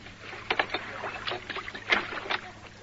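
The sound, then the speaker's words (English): An old rowing boat moves across a river, its oars dipping and splashing in a loose, irregular rhythm of short watery strokes over a faint low background hum. “So this old boat will become redundant.”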